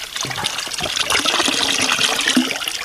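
Water from a fountain pours in a steady stream from a drinking vessel, a continuous splashing hiss that holds at an even, fairly loud level for about three seconds, with no voices.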